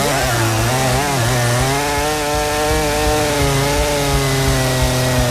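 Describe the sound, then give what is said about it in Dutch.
A chainsaw runs loudly and steadily, its engine buzzing with a rising and settling pitch for several seconds, with no voices. “Het kettingzaagmonster om op een metal manier de week doormidden te zagen.”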